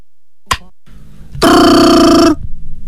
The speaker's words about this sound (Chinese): 电话铃声闯入了张永秀的思绪。